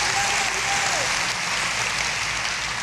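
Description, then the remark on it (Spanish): Loud, sustained applause from a large audience at a church service, clapping for the Lord, a dense wash of clapping that stays steady throughout, with a brief high-pitched whistle or voice tone rising above it early on. “Dale un aplauso al Señor fuerte.”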